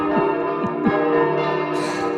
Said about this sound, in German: Im Moment gar nicht, aber so, wenn sie läuten, wie lange läuten sie dann? Bis alle munter sind.